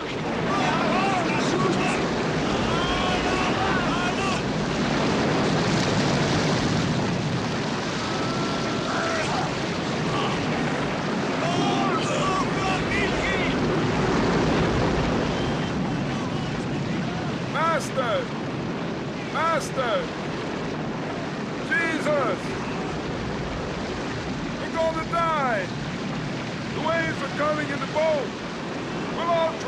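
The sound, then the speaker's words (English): Roaring storm wind and crashing waves surge around a boat taking on water as men struggle to keep it from sinking, a loud, continuous wall of noise, with indistinct shouting voices breaking through over the turmoil in the second half. “The men struggled to keep the boat from sinking in the storm, but their efforts appear to be in vain, and the boat is taking on more and more water.”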